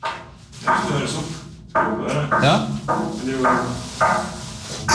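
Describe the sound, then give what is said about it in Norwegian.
A man knocks on a metal radiator in room 106: a series of loud, irregular knocks, each with a short ringing clang, repeating about every half second to second, with a brief voice heard once. “som nå står ved siden av henne på rum 106 og banker i radiatoren.”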